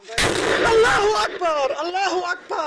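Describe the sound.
A single loud explosion, the second in the video footage, bursts out where medics are gathered around the wounded, a roaring, rumbling blast lasting about a second, then a woman cries out in disbelief as the noise dies away.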